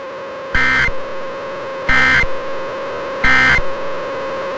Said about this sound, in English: If this had been an actual emergency, official messages would have followed the alert tones. This station serves the Sioux Falls area. This concludes this test of the emergency alert system.